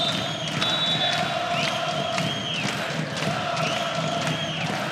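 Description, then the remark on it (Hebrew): A loud, dense basketball arena crowd of Holon fans roars and cheers continuously during a game, with rising whistles, sneaker squeaks and scattered shouts layered over the steady wash of noise. “קהל מרגיש שהוא צריך לתת את שלו.”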